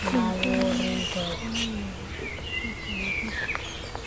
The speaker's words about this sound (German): Da sind auch welche, also eigentlich sind rund um uns rum Vögel zu hören.